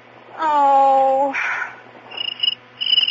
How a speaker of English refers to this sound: I'm not coming back to this house until that cricket is gone.